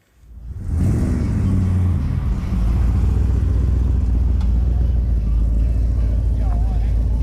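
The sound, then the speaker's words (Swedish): Classic car engines rumble loudly at the Old Time Car Show on Åland, with exhibition and cruising under threatening rain; a rising rev near the start settles into a steady, deep idle that continues throughout, with faint voices in the background. “Trots hotande regn genomfördes Old Time Car Show med utställning och cruising.”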